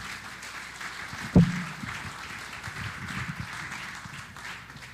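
An audience applauds with steady, moderate clapping that holds an even level for several seconds, broken early by one sharp thump. No one speaks.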